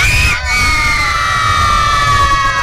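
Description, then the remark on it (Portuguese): A large crowd of children at a football supporters' party shouts "Galo" together after a countdown, in one long, loud, sustained cry, their many high voices blending into a single ringing roar that fills the whole moment. “O pessoal da rádio falou que foi baixo, mais alto.”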